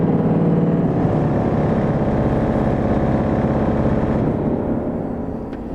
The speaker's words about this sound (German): Und wenn Winfried die Fußpedale nutzt, dann werden die großen 12-Meter-Pfeifen angespielt.